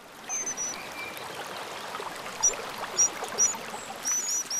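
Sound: rushing stream water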